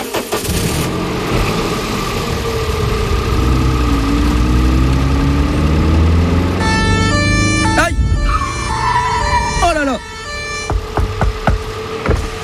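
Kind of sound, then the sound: vehicle, car engine idling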